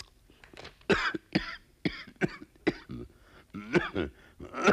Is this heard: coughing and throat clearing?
yes